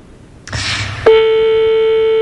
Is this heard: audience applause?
no